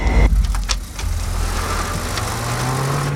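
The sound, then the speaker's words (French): Jeff Bezos's old, nearly run-down Honda Civic drives by, its engine rumbling low and steady, then its pitch gradually climbs as it accelerates. A faint whir rides on top, and no one speaks. “Il conduit une Honda Civic presque toute pourrie.”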